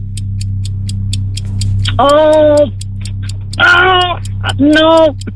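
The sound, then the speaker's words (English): A quiz countdown clock, set to 49 seconds for a seven-question round, ticks steadily and quickly throughout over a low hum, interrupted by three loud, buzzy, voice-like bursts that briefly sit on top of the ticking. “The clock starts now.”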